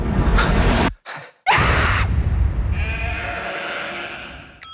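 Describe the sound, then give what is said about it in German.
Sheep bleat loudly, a few drawn-out, quavering cries broken by short pauses, with a longer, steadier bleat trailing off at the end. No one speaks. “In diesem Film treiben mutierte Schafe in Neuseeland ihr Unwesen.”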